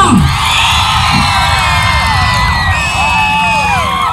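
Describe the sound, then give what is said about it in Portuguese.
A large crowd screams and cheers loudly and continuously for a candidate in a contest, with high-pitched shrieks and whoops rising and falling over a dense roar of voices, energetic throughout. “Grite, bate palma, salta, vai lá em cima, dá mortal, mas grite.”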